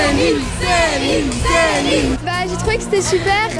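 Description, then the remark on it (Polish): A crowd of fans, waiting since morning outside the Paris hotel where a singer is staying, cheers and shouts in a loud, continuous burst, with high excited voices rising and falling over a dense wash of babble. “Przed hotelem, w którym zatrzymała się piosenkarka, od rana czekał na nią tłum fanów.”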